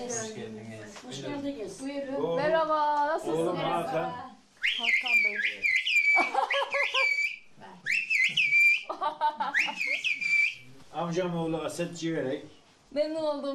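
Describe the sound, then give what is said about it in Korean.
Speech gives way to loud whistled phrases in the Turkish whistled language of mountainside villages, an elderly man whistling instructions; piercing tones glide up and down in several bursts before talking resumes. “산비탈 마을에서 신속하고 위급한 상황을 알려야 할 때 유용하게 사용되어 온 휘파람 언어입니다.”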